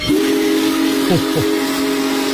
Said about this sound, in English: Now, if you didn't get to see the big boy roll through Springfield Saturday morning, here's how it sounded. Pulling into the Amtrak station, the whistle is loud.